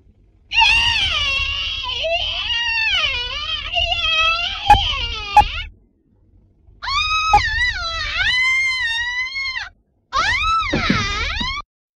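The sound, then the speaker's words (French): A woman lets out three long, shrill, wavering screams for a film's shower-scene scream, take 29, the first drawn out the longest and the others shorter, separated by brief silences, with a low rumble and a couple of sharp knocks beneath. “…, tu cries. Cri douche 29e.”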